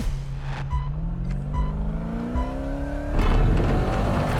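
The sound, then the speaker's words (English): An off-road Pro 4 race truck's engine roars and climbs in pitch as it accelerates and takes off, with a loud burst of rough, rumbling noise near the end, and no voices. “You can see the Pro 4 truck's smooth suspension from the second it takes off.”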